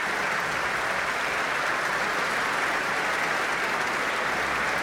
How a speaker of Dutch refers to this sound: De lichten zijn weer gedimd. En daar klinkt het applaus voor Elim Chan.